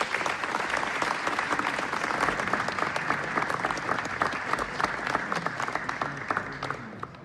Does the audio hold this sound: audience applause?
yes